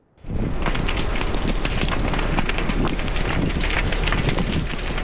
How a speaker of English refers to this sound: Fast-moving flames beside Westside Road, the wind howling and pushing the fire dangerously close to properties.